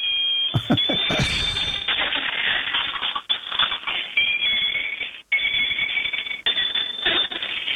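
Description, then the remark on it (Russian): A moving toy bicycle, which moves its legs as it goes and wears a cow's head, gives off steady, high electronic beeping tones over a busy, rattling mechanical whir. The sound runs almost continuously, with a couple of brief dropouts. “Есть велосипед, который едет и издает звуки.”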